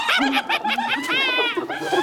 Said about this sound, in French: La lionne n'a pas l'air impressionnée par les cris des hyènes.